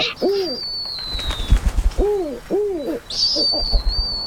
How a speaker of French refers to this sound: Ils résonnent fort au-dessus de ma tête. Je reconnais ce cri. C'est un ululement, celui d'un oiseau, le hibou.